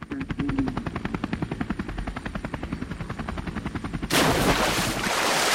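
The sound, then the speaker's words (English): A helicopter's rotor thuds in a fast, steady rhythm, loud, for about four seconds before giving way to a harsh, broad roaring rush. No one speaks. “I want you to use your helicopter to carry us to the palace, Ogwa Palace.”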